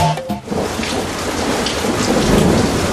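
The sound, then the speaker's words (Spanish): Heavy rain pours down steadily around a camping tent in a dense, hissing wash that fills the whole clip, with a brief rumble of thunder near the start. No voices are heard. “¡Oh, está lloviendo cada vez más fuerte!”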